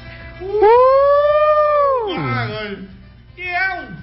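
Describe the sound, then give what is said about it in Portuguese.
A long, loud drawn-out boo that swells and then slides down in pitch, followed by a shorter falling boo. “Vamos dar uma vaia nesse.”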